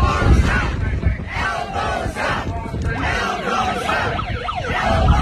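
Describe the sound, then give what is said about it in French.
A loud crowd roars and shouts continuously while wailing sirens, brought along by someone in the crowd, rise and fall over the din, their sweeping tones clearly audible through the noisy gathering. “Hey, l'autre avait amené ses sirènes.”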